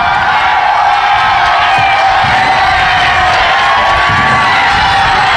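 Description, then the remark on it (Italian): A large crowd of faithful in the Republic of San Marino cheers continuously as Pope Leo arrives, a dense wash of shouting voices and whoops with scattered high calls rising above the roar, loud and steady throughout. “Sentite, cari amici, l'entusiasmo di Papa Leone al suo arrivo nel cuore della Repubblica di San Marino. Ascoltiamo anche un po' le voci di questa attesa.”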